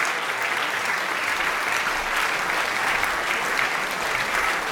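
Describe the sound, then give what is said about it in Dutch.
Sustained, dense applause from a large audience rising to a standing ovation after César Franck's piano quintet, played by Portuguese pianist Luís Margulhaes and the British Fibonacci Quartet, steady and loud throughout with no pauses, a continuous wash of clapping hands. “Het publiek is enthousiast, is meteen gaan staan.”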